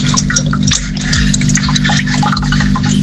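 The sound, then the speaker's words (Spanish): Tap water runs steadily from a faucet with irregular splashes and drips as someone plays with the water under the stream, with a low hum behind it and no talking. “Jugueteando con el agua en la canilla.”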